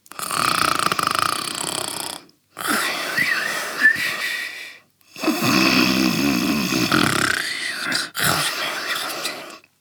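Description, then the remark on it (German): Loud, rasping snores from a father asleep on the floor, three long drawn-out breaths in a row, each a few seconds long with short silent pauses between, with no one speaking. “Und da liegt er jetzt und schnarcht. Ganz laut.”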